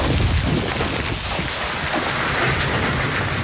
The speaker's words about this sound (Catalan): Al Solsonès, segons el Servei Meteorològic, va caure aquesta pedregada que sentim ara mateix, pedres de fins a 5 centímetres de diàmetre.